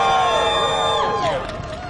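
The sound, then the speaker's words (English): A crowd at a campaign event outside Governor Hochul's Manhattan office cheers and whoops for a couple of seconds as a speaker is introduced, several voices rising and falling in pitch over a steady murmur of noise, with the cheering easing slightly toward the end. “Give them a hand.”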